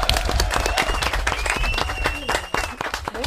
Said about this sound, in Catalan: Bé, molt bé, un aplaudiment. Molt bé.